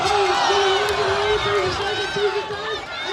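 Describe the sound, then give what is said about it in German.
A dense crowd roars and cheers continuously at a pig race in Wisconsin, USA, as the race is won, loud, with shouting voices layered over a steady wash of excited noise throughout. “Arnold Schwarzenegger gewinnt. Jubel von allen Seiten.”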